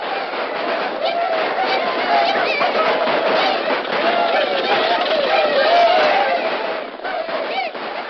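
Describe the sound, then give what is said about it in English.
A roaring crowd of many voices in the gold rush boom camp of Mariposa clamors without pause, a thick, steady wall of shouting and chatter with individual cries rising now and then, loud throughout before easing slightly near the end. “overnight, the peaceful settlement of Mariposa was changed to a surging, roaring boom camp.”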